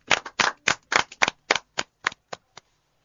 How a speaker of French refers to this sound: Merci, Fleshnel. On applaudit pour Fleshnel.